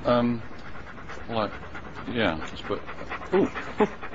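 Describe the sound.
A dog pants rapidly and close up, breaking into a few short, high, wavering whimpers, while human voices murmur in the background.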